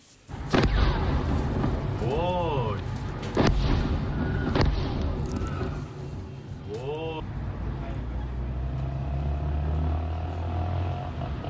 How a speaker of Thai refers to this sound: ผู้เห็นเหตุการณ์ครับบันทึกภาพขณะที่เกิดระเบิดขึ้นอย่างรุนแรงหลายครั้งนะครับในเมืองบันดาอับบาสทางตอนใต้ของอิหร่านครับ ทำให้กลุ่มควันหนาทึบพวยพุ่งขึ้นไปทั่วบริเวณ